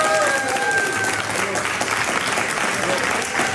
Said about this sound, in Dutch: Maar eerst een keer live applaus, dat was wel een keer leuk, ja, ook. Waar was dat applaus nou, voor ons of voor mevrouw Van der Wal? Ja, ik denk voor mevrouw Van der Wal.